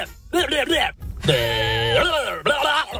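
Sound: goat bleating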